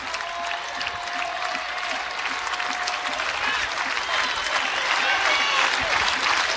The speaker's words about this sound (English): Crowd getting behind Blackowitz once again.